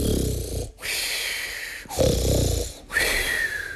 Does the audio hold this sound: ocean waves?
no